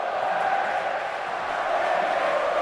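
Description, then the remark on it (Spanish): A huge football stadium crowd at Mestalla chants in unison around the 88th minute of a match, a dense, steady roar of many voices with sustained sung tones and no pauses across the whole stretch. “¿Qué voy a contarles yo que no estén escuchando? A por ellos, Oe, esto no ha terminado.”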